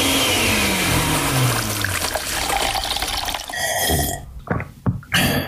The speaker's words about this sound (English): We take a bunch of hits, old and new, mix in a little indie flair, throw it all in a blender.